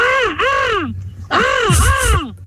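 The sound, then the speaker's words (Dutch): A person imitates a crow or raven with two loud, hoarse, drawn-out caws, each arching in pitch, the second rougher and breathier, separated by a brief pause. “Volgens mij ga ik een kraai nadoen of een raaf.”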